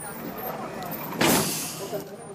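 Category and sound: vehicle, city bus driving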